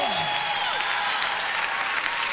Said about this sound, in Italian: Oh, un applauso forte al Re. Oh, alleluia. Oh, che si senta.